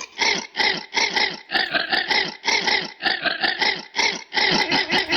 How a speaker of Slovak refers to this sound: Zisťujeme, že čo nám spieva naša lama, lebo inak v bratislavskej zoo sa narodila nová lama. A podľa hlasu sme hneď súdili, že to bude dosť talentovaná lama, že ona by podľa mňa vedela zaspievať aj pesničku.